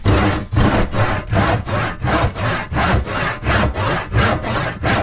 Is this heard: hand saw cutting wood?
yes